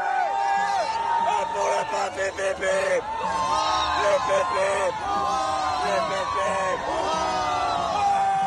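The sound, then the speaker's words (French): A large crowd of faithful, gathered for the celebration of vespers at Notre-Dame de Paris cathedral, cheers and shouts continuously, many voices overlapping in rising and falling cries at a steady, loud level with no pauses. “On l'entend, la ferveur des fidèles, et elle est partagée aussi par le clergé, bien sûr.”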